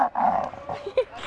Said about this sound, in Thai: เวลาที่เราดึงเชือกก็จะทำให้เกิดการสั่นสะเทือนและมีเสียงก้องๆในแก้วเหมือนเวลาที่อากาศเดินทางผ่านเข้าไปในโพรงจมูกทำให้เกิดการสั่นสะเทือนและมีเสียงก้องอยู่ในโพรงจมูก